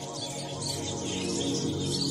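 A flying fox colony calls in a dense, continuous chorus of overlapping squeaks, chatters and shrill screeches, steady and fairly loud throughout, with no voices present.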